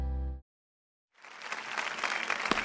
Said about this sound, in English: Clap your hands.